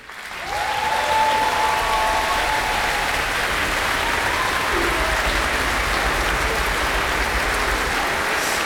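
Loud, sustained applause from an auditorium audience for members of an orchestra, dense clapping that swells quickly and holds steady for several seconds, with a faint voice briefly audible beneath it.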